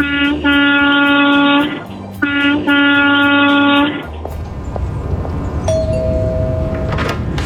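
Two long, blaring blasts of an 18-wheeler truck's air horn, the truck hauling roof and floor trusses, each a rich stack of steady tones lasting over a second, followed by rumbling engine noise and a faint higher tone near the end.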